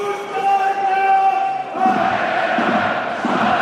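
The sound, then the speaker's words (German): Heidenheim football fans in a large stadium chant loudly in unison, encouraging their team just relegated from the Bundesliga, with no whistles or boos; a steady wall of voices with sustained sung tones, swelling midway into fuller, rhythmic cheering that fills the space. “So klingt es, wenn Heidenheim absteigt. Keine Pfiffe, keine Buhrufe, sondern Aufmunterung.”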